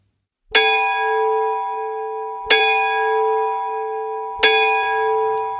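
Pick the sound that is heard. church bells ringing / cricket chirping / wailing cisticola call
church bells ringing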